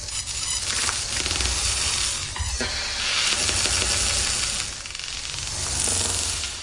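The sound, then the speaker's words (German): Tones from an electronic sound installation, sounding at times technical and at times natural: dense, continuous crackling and hissing with sharp clicks and flickering electronic textures that shift and swell, somewhere between static, sizzling fire and rushing water. No voices. “diese mal technisch und mal naturhaft klingenden Töne dann so ganz unterschiedliche Assoziationen ausgelöst. Elektrische Impulse und elektronische Klänge einerseits”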